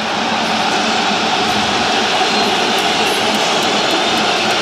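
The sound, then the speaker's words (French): A loud, unbroken roar from a stadium crowd, with Arsenal supporters whistling as the Paris team arrives for the warm-up, the whistles blending into a dense wall of noise that holds steady throughout. “Et on entend quand même les sifflets des supporters d'Arsenal.”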